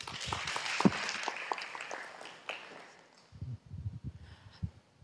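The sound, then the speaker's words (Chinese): An audience applauds to welcome the general manager of Weixin Television to give a speech, with dense, steady clapping for about three seconds, then the clapping fades out into a few soft, low thumps and rustles. “好，大家掌声鼓励。”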